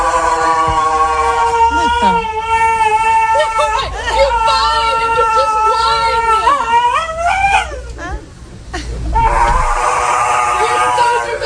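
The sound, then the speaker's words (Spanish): A perro de presa mastiff whimpers and whines at a dog groomer's as its nails are to be clipped, with long, high, wavering cries that rise and fall almost continuously, over a faint background murmur of voices. “un perro de presa, un aspecto impresionante. Bueno, pues tocaba cortarle las uñas.”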